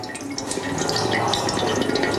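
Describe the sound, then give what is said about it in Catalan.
Water pours steadily into a container at an exhibition, giving a bright, splashing, slightly metallic ring, continuous, with no voices over it. “Clar, és aigua que cau en un recipient, sí, i sona, sí, d'una manera font, com metàl·lica.”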